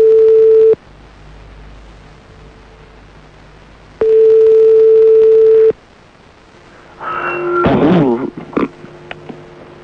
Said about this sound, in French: Et on y va. Ça sonne.